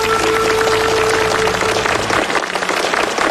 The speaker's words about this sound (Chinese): 也再次掌声感谢崇院长今天带来的分享，谢谢您。